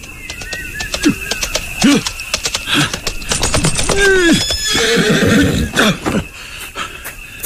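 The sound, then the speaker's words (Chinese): A horse being ridden along a small path whinnies several times with rising and falling high-pitched calls, over a steady run of sharp hoof clip-clops, with no talking. “我是骑着马朝小路赶来的。”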